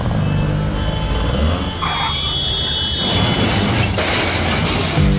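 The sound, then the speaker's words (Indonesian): A car engine roars and revs loudly, a steady rumbling drone that surges as the vehicle accelerates away through a red traffic light, with a faint whine riding over the low engine noise. “Tuh kan, nerobos lampu merah sih.”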